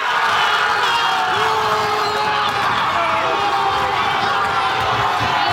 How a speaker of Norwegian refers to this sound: Også i Bergen ble det stor spenning og jubel.